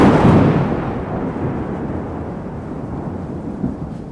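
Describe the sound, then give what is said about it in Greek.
A loud thunderclap from a lightning strike on 29 November 2025, at the time the Christmas tree at the town hall was to be opened, breaks at the start with a broad low-frequency crack, then rolls on as a deep, steady rumble that slowly fades over several seconds; no voices are present. “Ακριβώς εκείνη την ώρα έπεσε ο κεραυνός.”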